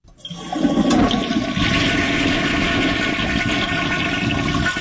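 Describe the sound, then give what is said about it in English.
A toilet flushes loudly, a sustained rushing gurgle of water that starts abruptly and keeps churning steadily for several seconds with no voices. “Now, that's the flush. They flushed it.”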